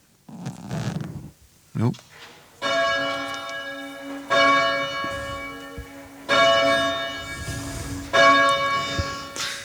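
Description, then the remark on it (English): A rural church bell, bell four, rings four times at a steady, slow pace, each strike loud with a long shimmering hum that overlaps the next. Brief voices and handling noises precede the first strike. “I'm going to ring the... Which bell is this? I'm going to ring the four for you now”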